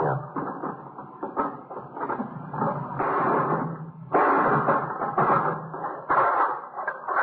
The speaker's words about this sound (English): Well, give me that hammer. You gonna break the lock?